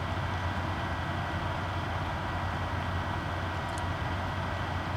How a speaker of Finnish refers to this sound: Mun koneen tuuletin huutaa.